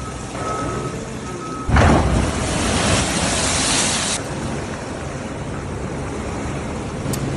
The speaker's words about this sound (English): But look at that. There's some big old waves there hitting the coast, and it's been really, really destructive in places like Long Beach, California.